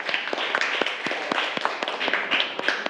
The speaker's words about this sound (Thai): ปรบมือให้เพื่อนก่อนนะคะดีมาก